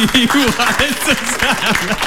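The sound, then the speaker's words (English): A crowd claps in a steady, busy patter, mixed with several voices whooping and calling out over the top throughout the short burst. “take a round of applause.”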